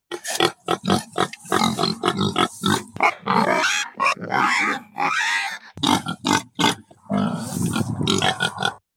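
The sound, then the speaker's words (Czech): A domestic pig grunts and snorts over and over, loud, in quick rough bursts with only brief pauses and no talking. “Je to prasátko.”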